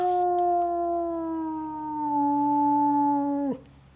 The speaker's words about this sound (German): Das sind die Wölfe. 15 Uhr ist Fütterung.